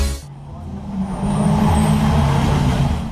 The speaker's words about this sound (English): Nice truck you got. Truck? Mate, that's a ute. A what now? A ute, you know, a truck that went to finishing school.